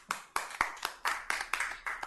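Audience applause for a little girl after her talk about yoga, in a steady, rhythmic beat: about nine sharp, even claps in unison at a moderate level, with no talking.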